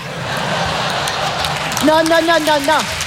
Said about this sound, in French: Non, monsieur, dame, n'applaudissez pas. N'applaudissez pas parce que c'est méchant.